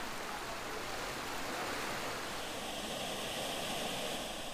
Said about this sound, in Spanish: El cantón de Belén pertenece al área metropolitana de San José. Aquí vive 1 millón de personas y por todas partes brota agua del suelo. Hay decenas de manantiales.